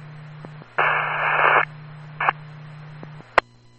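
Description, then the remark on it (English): Radio static crackles over an open intercom channel: a long hiss of noise, then a short second burst, with a steady low hum underneath and a sharp click near the end. No one speaks. “Only receiving static.”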